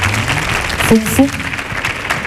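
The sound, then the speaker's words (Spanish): The studio audience of El show del Comandante Lara on Canal Sur Radio bursts into loud, steady applause welcoming guests, dense clapping filling the whole stretch, with a couple of rising whoops and cheers cutting through in the middle. “Y lo tenemos aquí en el show del Comandante Lara, así que recibimos con una fuerte ovación, por favor”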